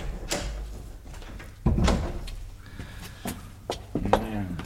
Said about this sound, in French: Et ouvre la porte. Je peux pas, ça me tient les mains. Mais tes pieds alors!